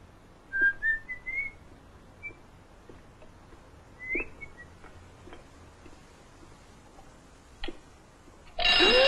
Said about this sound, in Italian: Mamma mia, la sveglia! E ferma quella sveglia. E come faccio a fermarla? È mica facile, sai. Gira un po'.